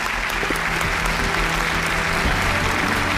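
A studio audience applauds to welcome an elderly woman patient guest who will share her heart valve treatment experience; dense clapping from many hands at a fairly loud, even level with no pauses and no voices standing out.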